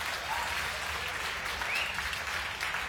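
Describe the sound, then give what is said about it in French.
A crowd of studio audience members applauds steadily for a few seconds for a woman up in the stands, a dense, even wash of clapping with no pauses and no voices on top. “Oh, une belle femme, on l'applaudit tous ensemble, s'il vous plaît, ne serait-ce que pour la félicité d'être née du bon côté.”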